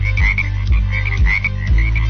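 A frog croaks over and over in a steady rhythm, about two croaks per second, loud, with a low continuous hum underneath and no voices.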